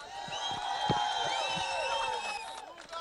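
A large crowd cheers and screams steadily for about three seconds, with many high voices and whoops layered over a dense, continuous roar and some clapping underneath.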